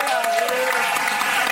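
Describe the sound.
A crowd applauds steadily, a dense wash of many hands clapping at once, close and fairly loud, with a faint murmur of voices mixed into the clapping.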